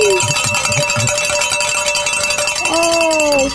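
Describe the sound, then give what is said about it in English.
Bells ring with steady, sustained metallic tones that hang throughout, joined by a fresh bright strike near the end whose tone slides slightly downward as it fades, over a busy, noisy background. “I think this is the latest we've rang the bells.”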